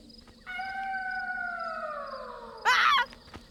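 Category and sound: sound effect, wolf howl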